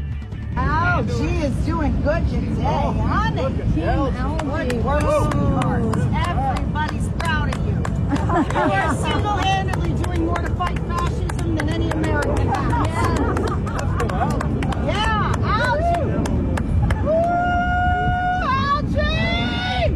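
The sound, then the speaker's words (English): A large crowd at the reflecting pool on the Mall in Washington, D.C. cheers, shouts and chants for algae, many voices overlapping in a dense roar with scattered whoops and rising yells, steady and loud throughout, with a few whistles near the end. “They're cheering pond scum. They're literally chanting for algae down at the reflecting pool on the mall in Washington, D.C.”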